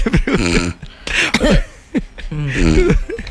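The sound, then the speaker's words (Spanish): Fairly loud coughing and throat clearing from a person with an itchy throat, several rough voiced bursts and short hacking coughs spread over a few seconds, with no speech. “Ay, no, te tengo, me pica la garganta.”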